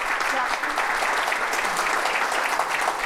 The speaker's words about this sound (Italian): quindi insomma, quindi doppio applauso per te.